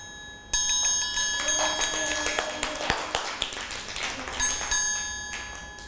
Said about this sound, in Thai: ระฆังสามเหลี่ยมนั่นเองค่ะเด็กๆจะต้องฟังสัญญาณจังหวะจากเครื่องดนตรี